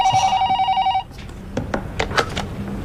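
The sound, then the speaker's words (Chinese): A telephone rings with a steady, bright electronic trill for about a second, then cuts off, followed by scattered clicks and handling noises nearby. “哎，这样这样，我再打个电话叮嘱他一下。”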